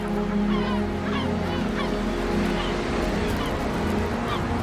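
Repeated harsh seagull calls from gulls nesting on a crowded seabird cliff, one gull at a poorly placed nest, overlap one another in quick succession over a steady, dense rumble of background noise, with no pauses between the cries.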